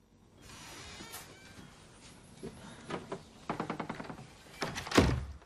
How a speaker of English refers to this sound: Ali comes outside and closes the door.